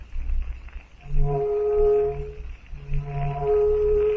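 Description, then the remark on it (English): A distant steamer's siren, signalling a rescue, sounds two long, low, droning blasts, each held for over a second with a brief pause between, over a steady rumbling background. “To Jane Porter, carried along at unbelievable speed in Tarzan's arms, the distant blast of the steamer's siren brings conflicting emotions.”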